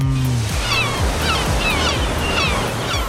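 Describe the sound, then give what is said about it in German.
Ocean waves wash steadily onto the shore in a continuous rushing roar, with faint high chirping calls and a soft low pulsing tone underneath. “ich habe Urlaubssehnsucht, die teile ich gerne mit euch. Sehnsucht nach Meer.”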